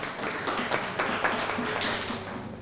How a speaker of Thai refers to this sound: วันนี้มีตัวแทนกลุ่มที่จะนำเสนอในกลุ่มแรกก็คือกลุ่มที่1ถ้าพร้อมแล้วปรบมือให้กลุ่มแรกครับ